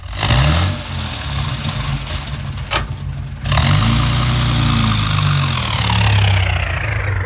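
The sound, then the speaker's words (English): A car engine runs as a constable reverses the car in fog, a steady mechanical drone whose pitch rises and falls with the throttle, dipping briefly midway before surging louder again. “All right, Constable, reverse the car.”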